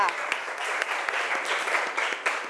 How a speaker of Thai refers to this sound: เอาปรบมือให้ตัวแทนจากกลุ่มที่4ค่ะ